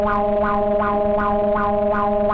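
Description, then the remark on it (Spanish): A seismic alert warning tone blares loudly: a steady, buzzy electronic drone with repeating rising whoops about every 0.4 seconds, harsh and distorted, with no voices over it. “Güey, yo no sé quién puso ese sonido. Alerta sísmica.”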